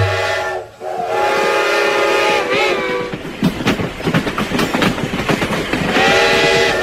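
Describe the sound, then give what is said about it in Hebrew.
A train pulls away: a long, loud horn blast, then the rhythmic clickety-clack of wheels on rails building up, with the horn sounding again near the end. “לפני רגע עמדה פה רכבת שלמה, ופתאום הרכבת כולה נעלמה.”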